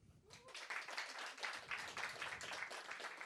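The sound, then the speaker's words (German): A brief burst of audience applause at a stand-up comedy show, many hands clapping in a dense, steady crackle that starts abruptly and holds at a fairly loud level for a few seconds, as the audience answers the comedian's question of who has seen him on stage before. “Kurzer Applaus.”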